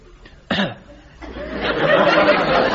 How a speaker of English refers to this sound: A little louder than that. I wouldn't have heard that. Try it. Oh, it's this. Much better. Yes, an awfully good cough.